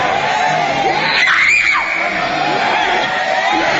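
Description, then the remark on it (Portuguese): A crowd shouts and yells together for Jesus to burn Satan, in a loud, continuous roar, with higher screams and whoops rising briefly in the middle before the noisy clamor carries on steadily. “Vocês não gritam para Jesus queimar?”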